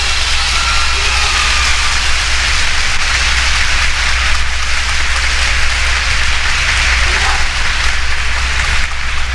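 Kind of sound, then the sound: crowd, warm audience applause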